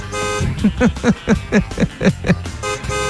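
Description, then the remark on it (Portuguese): A car alarm horn, set off with the car key to find the car, honks in a rapid, steady series of about eight short beeps, fairly loud, over a constant low background hum. “E aí, tem que pegar e chegar com a chave do carro perto assim, irmã Raimunda, colocar ele pra tocar um alarme, vai tocar a buzininha, aí só escuta, ó.”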